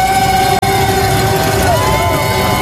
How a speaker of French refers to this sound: Ça réveille. Ah ouais, vous l'entendez, tout est permis, casseroles, percussions, sifflets et j'en passe.